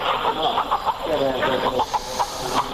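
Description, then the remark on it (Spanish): A hen clucks in a steady run of short bursts inside a church during a healing ritual, as it is passed three times around the body of a sick young child, over a constant hiss and faint murmuring voices. “pasando 3 veces esa gallina alrededor del cuerpo del enfermo, en este caso este niño de corta edad, y luego matando a la gallina para, de este modo, expulsar esas energías negativas, y esto es lo que grabé en el interior de la iglesia.”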